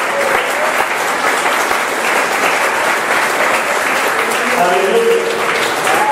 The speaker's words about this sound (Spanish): Dale un aplauso a Dios en esta mañana.